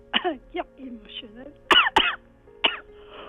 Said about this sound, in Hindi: ओहो, क्या हो गया … जी, इतनी खांसी है।